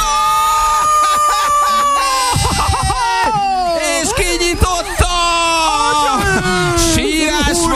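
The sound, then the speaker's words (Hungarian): A person cries loudly and continuously, long wailing sobs sliding up and down in pitch with brief catches of breath, for several seconds without any spoken words. “Nagy sírás van!”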